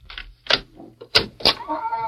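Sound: door opening and closing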